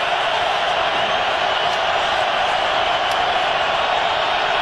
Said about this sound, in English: Crowd making as much noise as they possibly can.